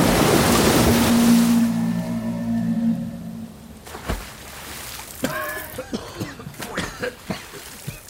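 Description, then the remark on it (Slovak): A loud, broad roar of a huge wave of black river floodwater tearing away trees and rocks fills the first half with a low droning hum beneath it, then drops away to quieter splashing and scattered wavering cries. “Čierna voda hučí ako stádo divých zubrov. Strháva stromy aj skaly.”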